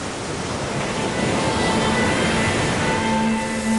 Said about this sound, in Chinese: 那一刻，唯有风吹海浪，惊涛拍岸。